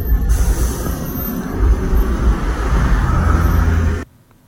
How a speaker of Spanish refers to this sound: Ahí podemos ver la bajada de Alto Hospicio con este tránsito bastante lento